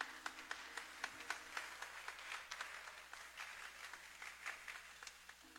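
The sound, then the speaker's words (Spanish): At a novena, a crowd applauds the invited sector Sagrado Corazón de Jesús, La Plaza, steadily, with many overlapping hand claps forming a continuous crackling patter and a few sharper claps standing out at moderate volume. “Aplauso para ellos.”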